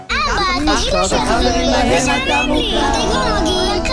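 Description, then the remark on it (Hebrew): Several children's high-pitched voices overlap loudly and continuously, shouting and whining over one another inside a car during a family trip, with a low steady rumble underneath. “אם יש לכם ילדים, אתם בוודאי מכירים את זה.”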